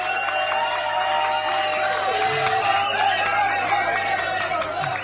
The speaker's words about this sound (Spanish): Aplauso para Jorge Javier Vázquez.